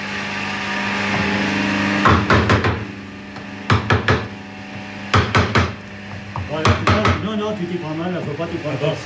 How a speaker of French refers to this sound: D'abord, faut tenir ton outil comme ça, voilà. Et avec ton marteau, bien en face le marteau d'or, voilà. Tu pars comme ça. Ah oui, oui. Et t'as bien, il vient d'aplomb. Hein. Encore. C'est parfait. Voilà. Un peu plus fort, là.